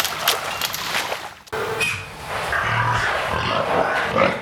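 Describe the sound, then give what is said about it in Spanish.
Pigs grunt and squeal over one another in a noisy, crowded barn on a pig farm, with a steady din of overlapping animal calls and no one speaking. “hoy están en riesgo por la imposición de más de 500 granjas de cerdo en el estado, que en su mayoría pertenecen a grandes empresarios, entre ellos el gigante industrial Quequén.”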